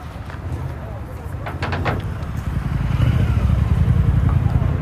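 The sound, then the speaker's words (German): Busy street noise on Brick Lane in London's Banglatown, with a steady low rumble of traffic that swells midway as a delivery rider on a bicycle passes by, with a few brief sharp clicks and indistinct murmuring voices of residents, some speaking Bangla, underneath. “Immer wieder rast ein Lieferdienstfahrer auf dem Fahrrad an einem vorbei.”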